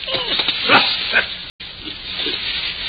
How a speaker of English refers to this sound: Did the dog bite it?